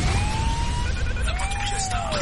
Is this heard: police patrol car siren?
yes